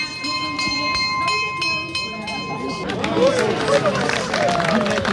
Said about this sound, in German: Und jetzt wird eröffnet, der Käsemarkt. Die Glocke hat geschlagen.